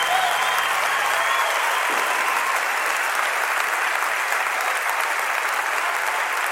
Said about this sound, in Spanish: Un aplauso para Bel más fuerte.